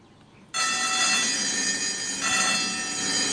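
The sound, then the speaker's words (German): A railway level crossing warning bell at a crossing with flashing lights, ringing because two trains are coming, starts abruptly and rings continuously, loud, with a bright metallic ringing tone that holds steady to the end, with no voices. “Der hatte diese Glocke und die klingelte überhaupt nur bei zwei Zügen.”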